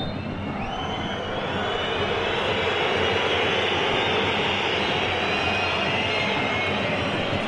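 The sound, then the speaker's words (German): A large stadium crowd at the Aachener Tivoli at halftime, with Alemannia Aachen trailing 0-3 to SV Meppen, keeps up a loud, unbroken wall of noise, with shrill whistles of protest cutting through the roar from start to finish and no one speaking. “Pfeifkonzert hier am Aachener Tivoli.”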